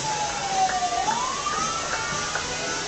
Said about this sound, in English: Now, here's an interesting situation. I'm pretty sure this ambulance needs to go somewhere and just trying desperately to get through the parade.